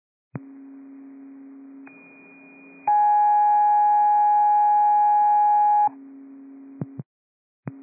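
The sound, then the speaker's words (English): A sequence of steady electronic fire dispatch alert tones over a radio channel: a low hum, then a high pitch, then a loud sustained chord of tones, ending with short clicks and a return of the hum. “Battalion 18, disregard these tones.”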